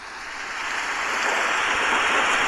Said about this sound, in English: That's a rain and thunder effect, first of all. I want you all to hear that's a rain and thunder effect, because obviously if you're 16 and a rain and thunder effect is an option, fucking click, mate.